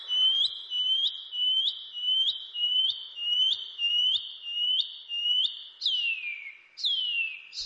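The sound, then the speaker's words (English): A shining cuckoo calls alone in a steady series of about a dozen high, upward-slurred whistles, then finishes with two longer notes that slide downward. “The Shining Cuckoo.”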